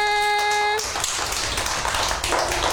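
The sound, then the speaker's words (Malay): A group of people in Tanjung Pinang, Riau Islands, clap for themselves in a dense, steady burst of applause lasting a couple of seconds, preceded by a short sustained musical tone. “Coba sekali lagi tepuk tangan untuk kita semua.”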